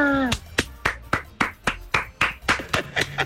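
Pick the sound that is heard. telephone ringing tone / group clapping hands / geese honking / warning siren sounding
group clapping hands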